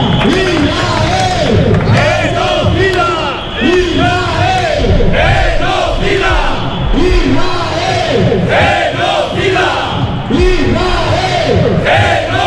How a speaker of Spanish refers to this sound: Gritos de Israel genocida que se han repetido a lo largo de esas comparecencias o de esas manifestaciones